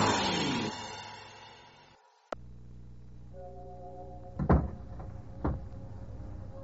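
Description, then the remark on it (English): Swelling music fades out, then a door shuts with a sharp latch click. A low, steady hum follows, broken by two heavier knocking thuds. No one speaks. “A closing door finishes a story.”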